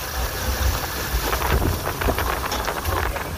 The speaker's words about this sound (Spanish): Está cayendo granizo. O el viento.